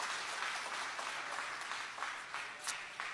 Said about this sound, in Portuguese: Tomai assento em nome de Jesus e pode aplaudir a Jesus com as palmas bem alegre, que glorifica e exalta o seu nome.